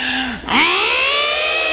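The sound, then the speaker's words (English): An audience imitates an elephant trumpeting together: a low tone slides down and breaks off, then a loud, brassy, rising blare holds steady for over a second. “That elephant did too loud.”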